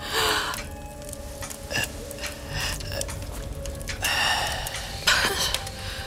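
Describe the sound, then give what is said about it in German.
Distinct breathing of someone in a study: a series of harsh, noisy breaths in and out at an uneven pace, some drawn longer and heavier, with no talking. “Jemand atmet ganz deutlich.”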